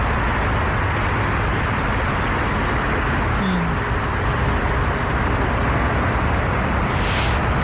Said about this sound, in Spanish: Estamos escuchando el ruido de los aviones que aterrizan en el aeropuerto de Heathrow, en Londres, que es por el que se ve más gente afectada por todo el ruido que provoca.